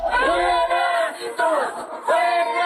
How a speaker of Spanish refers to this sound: Lo escuchamos, el grito de fuera gringos.